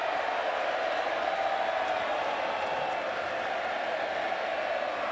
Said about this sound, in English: Fremantle fans in the house. A round of applause for ….